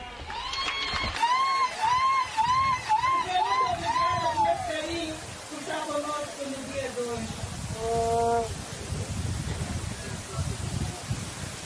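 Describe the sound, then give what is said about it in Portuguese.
A crowd in Inhambane, Mozambique, applauds Geta Chapo in the presence of President Daniel Chapo at the 16th National Sports Games Festival, clapping steadily throughout, a dense patter with high, wavering cheers and ululating voices rising over it in the first half and again near the end. “Agora, permita-me, senhor Presidente da República, nós podemos bater palmas para a nossa mãe, Geta Chapo, por estar conosco aqui.”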